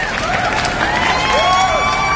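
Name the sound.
audience applause and cheering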